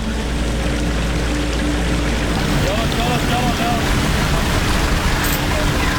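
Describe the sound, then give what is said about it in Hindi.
A strong river current rushes loudly and continuously at a crossing where vehicles are pulled through the water with wire by a large machine, a dense, steady roar of churning water with no pauses across the whole stretch and only faint traces of something else underneath. “क्योंकि पानी का भाव बहुत ज़्यादा तेज है कि कहीं गाड़ी बह ना जाए”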